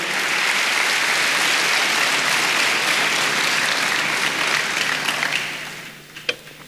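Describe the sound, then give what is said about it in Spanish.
An audience gives applause to the Lord in a dense, steady wash of clapping that holds for about five seconds, then thins out and fades, with a few last scattered claps at the end. “Dale un aplauso al Señor, hermanos.”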